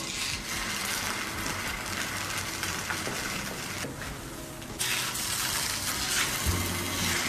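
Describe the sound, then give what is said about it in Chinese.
Milk pours steadily into a cup that has two raw eggs cracked into it, a continuous gushing, splashing hiss that grows a little louder and brighter partway through, with no voices. “亲爱的，你打两个生鸡蛋在杯子里干嘛？黑暗料理，生吞鸡蛋。为什么要加牛奶啊？”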